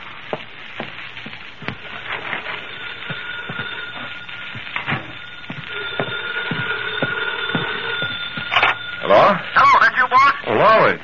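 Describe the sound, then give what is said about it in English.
A telephone rings in loud, repeated bursts near the end of a muffled, lo-fi recording, after a stretch of faint clicks and a steady low hum. “For a phone call, isn't it?”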